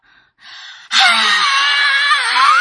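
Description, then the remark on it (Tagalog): A short breathy intake of air, then a woman lets out a loud, sustained, piercing high-pitched scream lasting nearly two seconds, put on as an act, with no talking around it. “Kamao baka ko mag-inartista, no? una, musinggit ko.”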